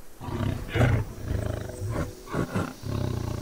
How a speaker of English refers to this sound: Till the apparent quiet is broken, first a growl, and then the mighty roar. The tiger is out in search of dinner.